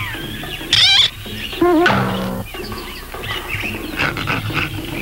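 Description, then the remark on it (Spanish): Brutus, dressed in a gorilla suit, growls and grunts like an ape in loud, rough bursts mixed with shrill, wavering squeals, over a busy background of music and noise, with no talking. “Ven acaso, gran mono. Ya sé quién tú eres. Quítate esa cara falsa, Brutus.”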